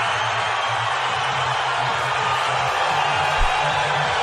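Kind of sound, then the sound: crowd, crowd shouting and cheering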